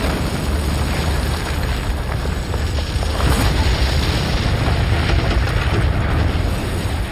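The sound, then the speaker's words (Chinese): German demolition charges on a bridge over the Rhine, set off by a backup system, explode in a huge blast. The deep, thunderous roar fills the scene, a loud sustained rumble with heavy low-end crackle that swells slightly midway and never lets up. No voices are heard. “巨大的爆炸声震耳欲聋， 我们看到大桥似乎被炸飞了，到处都是灰尘和碎片，我们都看不清大桥究竟被炸掉了没有，但是没过多久灰尘就散去了。”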